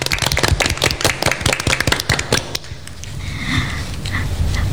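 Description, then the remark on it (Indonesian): A brisk burst of audience clapping for scout members from SMA Negeri 4 Kota Madinui, sharp and irregular, lasts about two and a half seconds, then cuts off, leaving a low, steady background murmur. “Tepuk tangan untuk kakak-kakak yang tampan dan cantik ini, teman-teman.”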